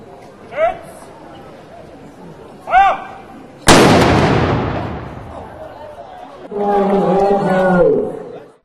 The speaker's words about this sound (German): Am Tag des offenen Denkmals wurde auch anlässlich des 470-jährigen Bestehens des Rathauses in Eisleben ein Fest gefeiert. Den Auftakt machte das Mansfelder Pionierbataillon mit einem Kanonenschuss.